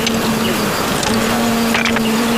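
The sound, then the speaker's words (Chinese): A dense, steady buzzing of a large swarm of wild bees at their nest on a cliff, a continuous droning hum with a low tonal whine, with faint scattered clicks and rustles on top and no talking. “蛮大啊，这窝，好大的蜜蜂声音，嗡嗡的。”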